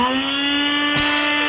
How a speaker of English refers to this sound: What do you got there, NutriBullet? Yeah, that's the one. Oh, I got the very same. I hear it every morning.